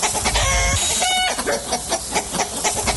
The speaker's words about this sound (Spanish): Y andan correteando las gallinas.